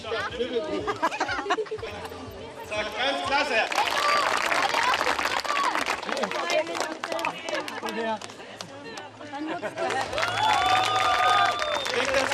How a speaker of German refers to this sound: ausgelassene Stimmung und viel Applaus bei der Siegerehrung.